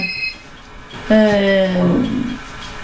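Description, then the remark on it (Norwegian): A telephone rings with a steady electronic buzzing tone lasting under a second, preceded by a brief high-pitched chirp, clear against a quiet background. “Nå ringer telefonen her også.”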